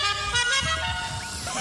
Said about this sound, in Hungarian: GTA 5-ot, bármilyen dudát tudsz magadnak választani